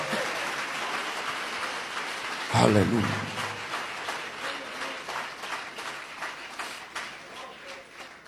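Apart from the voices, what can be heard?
audience applause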